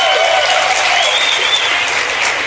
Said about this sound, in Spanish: Aplaudan, hombres, aplaudan.